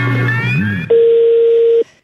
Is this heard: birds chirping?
no